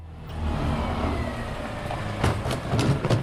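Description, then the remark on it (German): The engine of a large white garbage truck rumbles steadily in a small side street of the Neuvorweiler district in Saarland, collecting green organic waste bins in front of single-family houses; its low drone is continuous, with a few sharper mechanical clanks and hisses near the end. “packt das große weiße Müllauto in einer kleinen Seitenstraße im Saloyer Stadtteil Neuvorweiler.”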